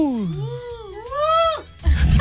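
A woman lets out a long, excited shriek that glides low, then swoops up and down in pitch for over a second before breaking off into a burst of rough, noisy rumble.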